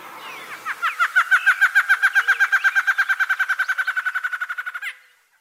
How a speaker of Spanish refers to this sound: El trino del Batarabarrado forma parte del Banco de Sonidos de Aves Colombianas recopilado por el Instituto von Humboldt y la Universidad de Cornell.